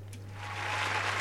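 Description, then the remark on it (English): A burst of crowd applause swells steadily louder over about a second, a dense crackling wash of many hands clapping, with a low steady hum underneath. “And we can clap as well.”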